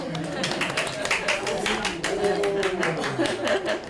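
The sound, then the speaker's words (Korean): A small group claps steadily for several seconds to celebrate a staff member who is expecting a baby. Brisk overlapping hand claps fill the space, with voices murmuring underneath. “그래서 일단 박수.”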